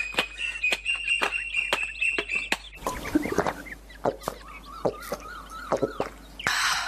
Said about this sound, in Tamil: அங்க பாரு, தென்னை மரத்துல எவ்வளவு குயில்கள். ஆஹா, பாக்குறதுக்கே கண்கொள்ளா காட்சியா இருக்கு.